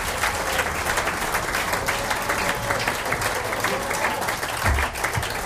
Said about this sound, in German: er kriegt gleich einmal einen Applaus. Bitte sehr, Herr Vizebürgermeister.